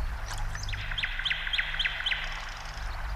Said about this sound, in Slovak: No, to predsa Slávika. Nepočuješ? Nepočuješ, ako krásne spieva?